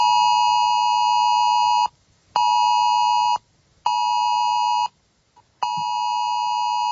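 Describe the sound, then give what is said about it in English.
A loud, harsh national emergency alert test tone blares from a mobile phone in long bursts, four blasts separated by brief silences, steady and piercing with no voices present. “Is this what we're going to get on our phone at midday today?”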